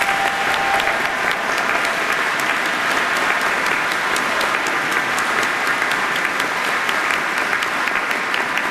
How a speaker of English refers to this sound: Can you help me give all of these folks a round of applause?